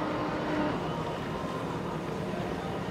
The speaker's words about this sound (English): Oh, this looks like this is Tyler Miller. This is our factory stock. Tyler there Miller. You go. Tyler Miller. Yeah, this is a brand new boat, and it raced the first time here at Lake of the Ozarks at the Lake Shootout. Yeah, back in June.